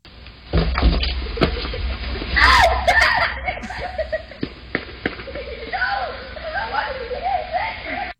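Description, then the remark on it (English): A group of children yell and shriek together in loud, overlapping high-pitched cries, with bursts of giggling. The noisy chorus rises and falls over about eight seconds, punctuated by sharp knocks and clatters. “Wait, that one yell, is that you? No, it's kids. A group of kids.”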